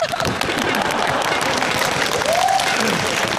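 A crowd claps steadily at a meeting, dense and continuous for several seconds, with a brief whistle-like tone rising over the clatter near the end.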